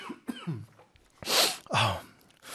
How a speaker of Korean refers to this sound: 이런 얘기 하려고 제가 이렇게 기침을 하는지 모르겠는데.